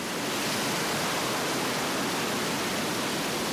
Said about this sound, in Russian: Огромная волна подхватила его и выбросила на берег.